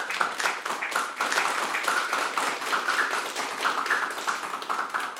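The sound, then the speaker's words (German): A steady burst of applause for guest experts at the end of a youth media show recorded in Merseburg, many hands clapping in a dense, continuous patter at an even loudness throughout, with no voices standing out. “Dicker Applaus für euch und danke für eure Tipps.”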